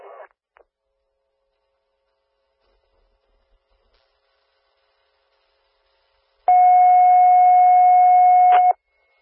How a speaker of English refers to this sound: Attention, Kansasville Fire. These are canceled tones for the call for the working still box for Salem for the structure fire. Again, these are canceled tones for the call in Kenosha County for box 58-01.